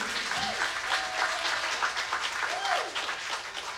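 A crowd applauds steadily and densely for several seconds after a live music performance, the clapping staying loud and even throughout, with a couple of brief cheers or whoops rising above it.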